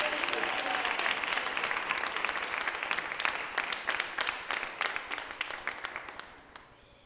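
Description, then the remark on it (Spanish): An audience applauds loudly for the Lord, a dense wash of many hands clapping that gradually thins into scattered individual claps and fades out toward the end. “Fuerte ese aplauso al Señor.”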